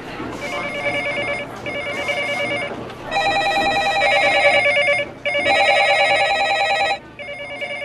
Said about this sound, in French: Et les téléphones, parce que rien que moi, j'avais une, deux, trois, oui, j'avais quatre lignes.